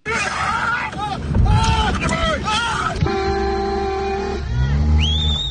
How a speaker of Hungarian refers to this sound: Kiabálással és tülköléssel próbálják elzavarni az anyamedvét, amely rátámadt egy autóban ülő emberre.